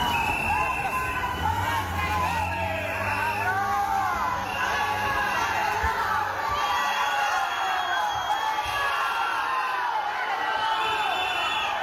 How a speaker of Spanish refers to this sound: Antes, el ministro fue recibido entre insultos y abucheos por los ceutíes en la entrada de la delegación del gobierno.